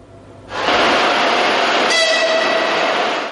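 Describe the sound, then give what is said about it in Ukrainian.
A regular passenger train pulls into a platform at Lviv railway station in Ukraine, its loud rushing rumble swelling in after a quiet moment, then high metallic brake squeals ringing out over the noise. No voices. “На платформу Львівського вокзалу прибуває звичайний потяг.”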